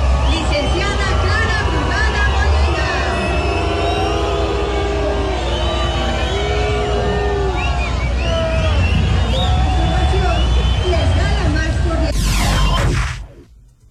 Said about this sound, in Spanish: No me quedó claro si fue abucheo, ¿no? Sí. Estaban diciéndole brugada. Brugada. ¿Sí? No, sí fue abucheo.